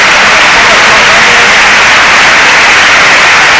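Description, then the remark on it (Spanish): The crowd at El Sardinero football stadium applauds Alavés player Aitor Mañas as he leaves the pitch on a stretcher, a dense, steady roar of clapping that stays loud and unbroken for the whole few seconds, with no pauses or distinct individual claps standing out. “Sí, sí, sin duda alguna, los campos de Sport del Sardinero que se han volcado con Aitor Mañas, ahora se vaya en camilla el terreno de juego y ahora, mira, así suena el Sardinero, que la aplaude todo el mundo.”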